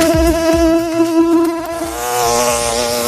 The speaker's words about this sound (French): Vous reconnaissez ce bruit, celui du moustique. Le moustique tigre qui est déjà là